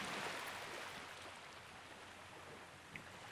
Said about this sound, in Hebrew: זה בעצם יהיה העוגן שלנו. אתם תמיד יכולים לחזור בעצם לצלילים של הים. להקשיב לקצף, לגלים, בין לבין.